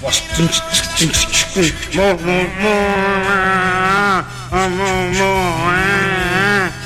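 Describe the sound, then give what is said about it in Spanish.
Loud cow mooing: two long, drawn-out, wavering moos back to back, following a short burst of voices at the start. “Así que al ritmo de la vaca.”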